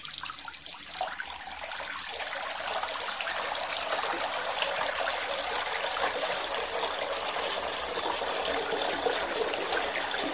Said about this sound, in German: Was ist das wohl für ein Geräusch? Klar, das ist Wasser.